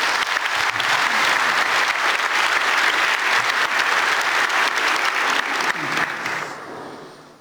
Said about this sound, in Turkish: Galatasaray'ın her maçında stadımızı dolduran, bizi destekleyen, her zaman yanımızda olan taraftarımıza buradan teşekkürlerimi gönderiyorum. Sizlerden onlara kuvvetli bir alkışı rica ediyorum.